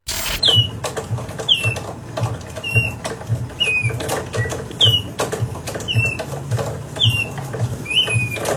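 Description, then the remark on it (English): Squeaky chirps from a wall-hung mechanical bird artwork, worked by turning a handle, repeat about once a second in a steady rhythm, over a low, rumbling clatter of turning gears. Fairly loud, with no voices. “this $15,000 piece of art that you hang on the wall, you turn a handle, and then the bird makes bird noises”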